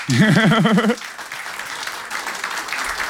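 An audience applauds steadily, a dense wash of many hands clapping at once, opening with a brief wavering, warbling tone before settling into sustained, moderately loud clapping. The applause is for a singer, who represented them at Eurovision in 2009.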